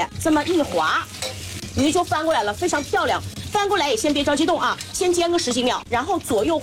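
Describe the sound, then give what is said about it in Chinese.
A whole fish, slid tail first into a wok of plenty of hot oil to fry and set its shape, sizzles steadily, a continuous crackling hiss running beneath a person talking throughout, fairly loud. “我们拎着鱼，鱼尾巴先下锅，先给它炸定型。哎，把鱼整个亮的这样给它滑进锅中。”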